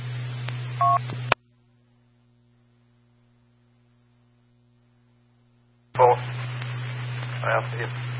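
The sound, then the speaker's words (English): Short electronic keypad tones beep briefly, as if a phone number is being dialed, over a steady low hum and muffled background noise, with a long near-silent pause in between. “Well, if he won't answer my phone call, so I'll text him and see if he wants to come pick it up.”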